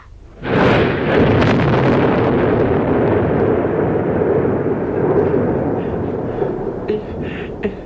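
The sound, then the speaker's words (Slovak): A deep rumble of thunder from a new storm rolling in under a huge black cloud breaks in suddenly and rolls on heavily, a broad low roar that slowly fades with a few faint crackles near the end. “A už sa valí nová búrka.”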